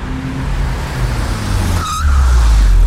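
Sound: car driving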